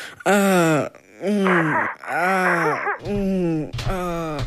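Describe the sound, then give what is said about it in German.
A voice imitates sexual moaning: five loud, drawn-out moans in quick succession, each sliding up and back down in pitch, with brief breathy gaps between them. “Ich glaub, die machen's gerade. Was machen die? Naja, poppen eben.”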